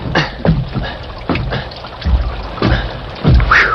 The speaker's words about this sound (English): Rockville's main road had been turned into a sea of mud that sucked and pulled at Tom Randall's feet as he made his way to the porch of the stage line's office.